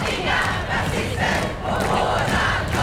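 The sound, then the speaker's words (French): A large crowd on the central square of Stockholm, Sweden, shouts and chants in unison, a loud, dense roar of many voices that rises and falls in rhythmic waves without letting up. “Sur la place centrale de Stockholm, l'ambiance devient quelque peu électrique lorsque cinq jeunes hommes s'imposent devant la foule avec une pancarte anti-immigration”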